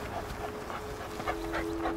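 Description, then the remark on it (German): A tracking dog searching by cars in the rain lets out a quick series of short, soft barks, about six in two seconds, over a steady noisy background with a faint constant hum. “Er hat bei den Autos angeschlagen, aber dann die Spur verloren.”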